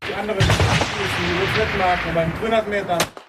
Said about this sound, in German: Gestern war das offizielle Eröffnungsschiessen in Chur und heute ist schon fleissig gefeiert worden und geschossen.